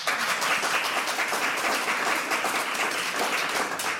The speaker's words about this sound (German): Einen ganz, ganz dicken Applaus bitte.